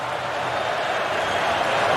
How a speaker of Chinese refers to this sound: 最后阶段加拿大队还有时间再发起一次攻势，看能不能顺利的组织起来。球迷呢在不断的欢呼示意球队往前。